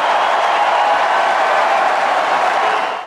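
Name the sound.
tennis crowd applauding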